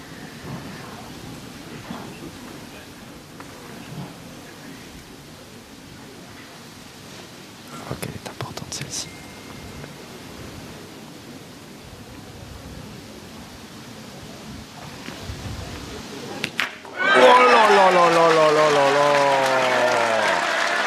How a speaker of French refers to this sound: Ah oui, là les applaudissements qui descendent des travées de ces tribunes de Saint-Yrieix-sur-Charente